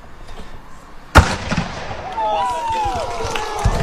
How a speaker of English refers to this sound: I should have waited for the shot to go off. The cannon has been shot off, and we are ready to play some football here in Weeping Water tonight.